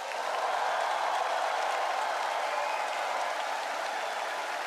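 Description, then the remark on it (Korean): A large audience applauds steadily, a dense, continuous wash of many hands clapping at once, sustained at an even loudness throughout with no voices standing out, after a performance by a Far East Broadcasting children's choir of some 700 members from 13 branches across South Korea. “여러분 뜨거운 박수를 아껴서는 안 되겠죠?”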